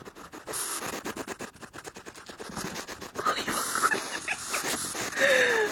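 Magnus, a pet pygmy hedgehog wrapped in a small blanket and woken during his sleeping time, makes small snuffling, huffing noises into a microphone in quick rhythmic bursts, mixed with scratchy rustling, then a few faint high squeaks toward the end.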